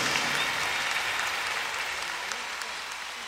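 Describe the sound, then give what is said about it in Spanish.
Steady audience applause, called for on a radio folk-music program for a musician, leader of a band, fills the whole stretch: a dense wash of many hands clapping at an even level that eases off only slightly toward the end, with no voices over it. “Y bueno, nació un grupo maravilloso que ustedes ya conocen, que es el grupo …, liderado por mi gran amigo …, para quien pide un fuerte voto de aplauso.”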